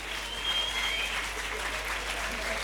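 A large crowd applauds steadily, a dense wash of clapping that holds at a constant level for a few seconds without pause or rhythm.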